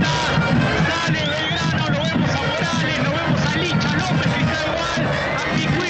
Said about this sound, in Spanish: Se ha acercado mucha gente acá, no veo muchas camisetas de Belgrano, hay alguna camperita. Los hinchas que igual se acercan, golpean sus manos, aplauden, despiden al colectivo.